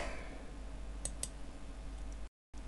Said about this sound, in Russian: Сказал я, кусаю пиццу, а сам в клавиатуре сидит, нажимает, только так успевает отвечать, да.